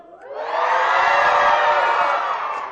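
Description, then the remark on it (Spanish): A crowd of Prepa 1 students shouting and cheering together for a radio, television and online audience, a loud sustained roar that swells quickly after a brief quiet start and holds steady for a couple of seconds before easing slightly. “Entonces, wow, queremos que toda esa gente que nos está escuchando en radio y en televisión y en redes oiga cómo grita la Prepa 1.”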